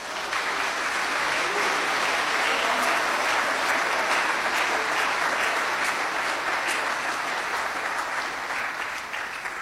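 A crowd claps steadily for several seconds, applauding the Lord in worship, a dense, even wash of applause that stays loud throughout without pause or speech over it.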